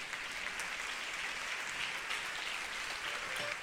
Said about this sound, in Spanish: Denle ese aplauso al Señor Jesús